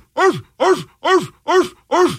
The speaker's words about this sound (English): Sorry about that. Ecuadorian dogs.